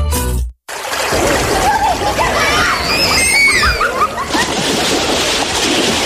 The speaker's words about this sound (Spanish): Pariente, saque los niños del río y sálgase usted también.